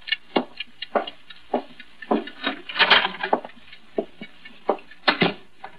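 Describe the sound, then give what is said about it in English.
A clock ticks steadily, with sharp clicks roughly twice a second and a slightly uneven rhythm, heard alone without any voices. “Get that clock out of here. It's making me jumpy.”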